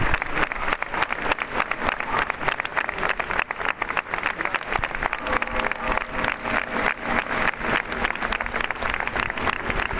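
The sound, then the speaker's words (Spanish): Sustained applause from a large crowd bids farewell to the mayor of Murcia, José Francisco Ballesta Germán, as six local police officers carry his coffin. Steady, dense clapping lasts the full ten seconds, with faint murmuring voices beneath it. “Y así suena a esta hora, a modo de despedida, con ese aplauso, ese adiós al alcalde de Murcia.”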